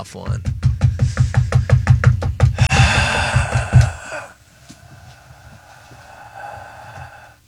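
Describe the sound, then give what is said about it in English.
A rapid, steady run of loud knocks on a hard object, well over a dozen in quick succession, then a brief clattering flurry before things settle into quieter background voices. “I was knocking a thing. But I'll do the gavel a thing.”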